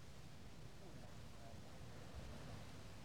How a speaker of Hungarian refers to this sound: Hullámmorajlás. Hullámmorajlás kavicsos parton. Jön, jön a végtelen messzi vizekről, freccsenve átbukik, visszagörög.